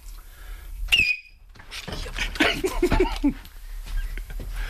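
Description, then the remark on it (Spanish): A brief, piercing, very high-pitched, almost ultrasonic whistle by Miki Nadal rings out for a fraction of a second, then gives way to a busy stretch of mixed voices and clattering noise. “Baja el micro, que va a silbar Miki Nadal.”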